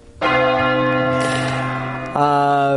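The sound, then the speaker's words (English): A large bell strikes loudly and rings out with a rich, sustained tone, then is struck a second time near the end, its deep hum layering over the fading resonance. “That's a big bell.”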